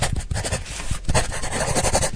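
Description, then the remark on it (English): Steady pencil scratching across paper, a continuous rough rasp of strokes with short back-and-forth bursts and brief pauses, no voices. “there was this one scene where they zoomed out into the real world, and they were showing this little kid drawing on paper, and the sounds of it was so nice.”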